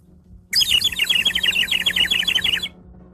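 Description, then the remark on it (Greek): A bird-call whistle chirps in a rapid, fluttering run of bright, high tweets for about two seconds, loud, with no talking over it. “σας κελαϊδάω με αυτή την σφυρίχτρα που μου έφερε το εμπορικό τμήμα που πήγε εκδρομή με το καπί, για να μην παίρνετε Ζάναξ την ώρα που μιλάω.”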